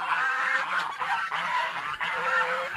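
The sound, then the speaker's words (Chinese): A flock of geese honks continuously, many overlapping nasal calls layered into a dense, loud clamor that fills the whole stretch without pause, with no talking. The geese are farm-raised and are below a large old tree known locally as the tree king. “哦，这个就是树王，哦，这个鹅就在下边啊”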